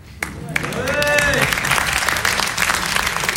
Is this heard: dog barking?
no